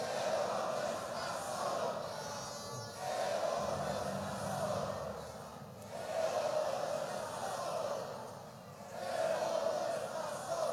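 A large crowd at a rally in Bolivia shouts the chant "¡Evo no está solo, carajo!" in unison to welcome Evo Morales, the roar rising and falling in repeated phrases about every three seconds, loud and dense throughout.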